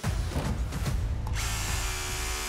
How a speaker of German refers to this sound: Ja, der Bohrer ist durch, aber ein Eisen drunter. Wir haben genau dort, wo wir das Zeichen gemacht haben, natürlich ein Armierungseisen drunter.